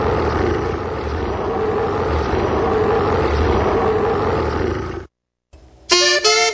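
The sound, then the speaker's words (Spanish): A tiger roar sound effect opening a radio music segment: a deep, rumbling roar fills about five seconds, loud, then cuts off abruptly into a moment of silence before a brief burst of bright, tonal music. “ha llegado la hora tigre. El rama más crujiente de La Campirana. Arrancamos en un rugido”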